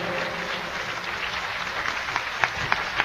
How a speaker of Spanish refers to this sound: Yo creo que se merece un aplauso más fuerte.